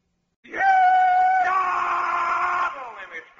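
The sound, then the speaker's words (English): A single voice lets out a loud rebel yell to kick off the Stan Freeberg show, a long sustained war cry that starts high and drops lower halfway through, held for about three seconds before trailing off. “I'm just doing the rebel yell here to kind of kick the Stan Freeberg show off.”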